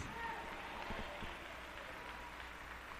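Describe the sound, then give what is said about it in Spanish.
An audience at a church service claps together for the Lord in a dense, sustained wash of applause that fills the space, steady and fairly loud throughout, with a few murmuring voices blended underneath. “Démosle un fuerte aplauso al Señor.”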